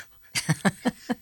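A dog pants in five quick, evenly spaced breathy huffs, moderately loud and rhythmic, with no talking over it.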